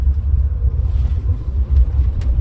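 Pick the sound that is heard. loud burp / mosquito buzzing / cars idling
cars idling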